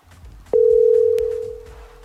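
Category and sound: signal or alarm, telephone dial tone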